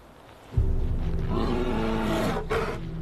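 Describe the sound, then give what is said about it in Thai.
Loud, deep roaring and growling from large male bears fighting, gathered on the coast at this time of year; it breaks out suddenly and continues in rough, overlapping bursts. “มีแต่หมีตัวใหญ่ที่สุดเท่านั้นที่ยังมีกำลังเหลือสำหรับการต่อสู้หลังจากฤดูร้อนที่อดอยากร่างกายของมันก็เฉื่อยชาการออกกำลังเช่นนี้ช่วยอบอุ่นร่างกายเพื่อเตรียมพร้อมสำหรับการล่าเหยื่อในช่วงฤดูหนาว”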